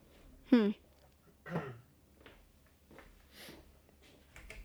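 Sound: throat clearing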